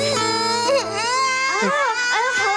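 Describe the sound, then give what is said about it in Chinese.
A baby daughter cries loudly and continuously, her wailing voice rising and falling in strained, pitch-bending bursts with brief catches for breath. “宝贝，怎么哭不哭啊？妈妈抱抱。”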